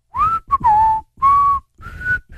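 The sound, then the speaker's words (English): Clear whistling by three people in four short sustained phrases, with two tones sounding together in harmony, separated by brief pauses and no talking. “We were harmonizing in whistle”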